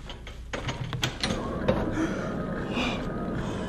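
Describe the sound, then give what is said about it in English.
A heavy door in the side of a hill, at the very bottom of the hill, creaks slowly open, with a few sharp clicks and a groaning, grinding creak that drags on steadily at moderate volume, without voices. “Seems strange to see a door in the side of a hill. Open it.”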